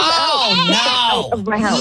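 A goat bleats loudly, a wavering, nasal cry that rises and falls, with a short break before it resumes and trails off.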